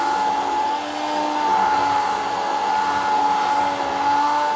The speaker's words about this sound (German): Ich schneide die Melone in grobe Stücke und gebe diese zusammen mit der Buttermilch in einen Becher. Nun mixe ich alles mit dem Pürierstab